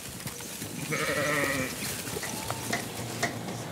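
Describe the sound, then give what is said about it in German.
Sheep on Eiderstedt bleat along a shepherd and farmer's early-morning route to work, over a steady, hissing wash of background noise; one drawn-out, wavering bleat stands out, followed by a few shorter, fainter calls from the flock. “Ein Arbeitsweg, bei dem höchstens mal ein paar Schafe im Stau stehen.”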